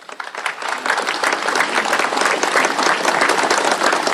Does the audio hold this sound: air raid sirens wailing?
no